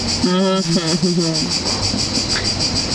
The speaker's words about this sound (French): C'est très beau, là. C'est très esthétique, les grillons.